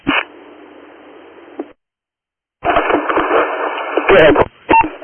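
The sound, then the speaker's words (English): Narrow, crackly two-way radio dispatch transmissions with a steady background hiss, a brief gap of silence, then short electronic alert tones beeping through the static near the end. “Tones.”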